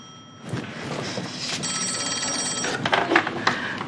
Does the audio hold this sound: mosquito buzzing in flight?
no